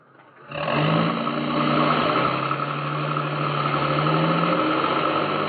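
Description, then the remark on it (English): A truck engine starts up after a brief quiet moment and keeps running with a steady, loud rumble, as if it is pulling away. No voices. “Get in the truck.”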